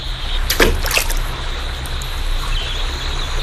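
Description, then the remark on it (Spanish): Steady rushing river water with a couple of sharp splashes near the start, fairly loud, as water slaps against a small boat moving quickly downriver. No one speaks. “La lancha a la que se subió Gerda se movió rápidamente río abajo.”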